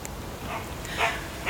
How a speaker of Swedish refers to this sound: Ja, där hör vi din hund